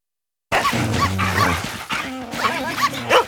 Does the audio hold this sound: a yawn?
no